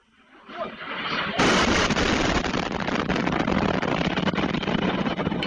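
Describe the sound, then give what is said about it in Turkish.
Violent explosions from a Russian air strike on the city centre of Sumy, northern Ukraine, recorded by a cafe's security camera: a rumble builds, then a sudden loud blast gives way to a sustained roar peppered with sharp crackling bursts, with no talking. “Şiddetli patlamalarla herkes bir anda yere kapandı.”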